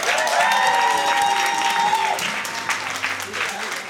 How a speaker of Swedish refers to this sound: Wilhelm Nordvall gör sig redo för att köra sin låt mellan Stockholm och Lund. Han vill ha en stor applåd.